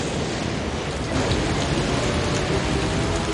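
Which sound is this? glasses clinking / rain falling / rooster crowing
rain falling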